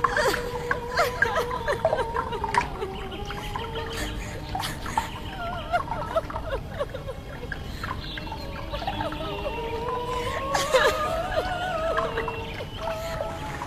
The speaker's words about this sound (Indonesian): Tangisan dan air matanya yang semakin keluar itu berubah dan menjadi genangan air. Suara tangisan semakin tersedu-sedu.